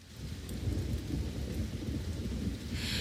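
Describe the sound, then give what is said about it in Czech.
Steady rain pours continuously outside over a deep, rolling low rumble like thunder, a dense hiss that stays even and fairly loud throughout, with no voices. “Venku pršelo a doma moju nic nebavilo.”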